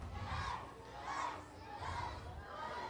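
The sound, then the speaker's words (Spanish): A crowd of children shouts loudly together, the massed yelling swelling in about four surging waves, energetic with no pauses. “¿Quién grita más fuerte? ¡Las niñas!”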